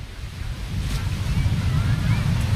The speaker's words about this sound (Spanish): Hombre, cerca del mar, bueno, como ya sabéis, podéis escuchar el mar, que ahí está ese mar. Ahí, a ver si escuchas un poquito. ¿Hoy se escucha o no?